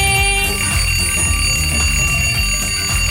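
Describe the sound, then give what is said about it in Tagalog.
An alarm clock rings loudly and continuously for the full few seconds, a bright, steady electronic tone with a low rumbling bed underneath and no talking. “Para pa, alarm clock, diya, puni pa, nihunta niya pa ng alarm clock.”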